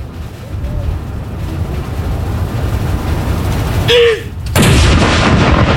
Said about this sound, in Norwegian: Alt utføres selvfølgelig med en enorm presisjon. Og det følges med på klokka. Og det kommandanten da som leder denne avfyringen av disse salutene. Første kanon!